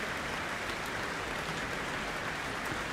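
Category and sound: crowd, concert audience applause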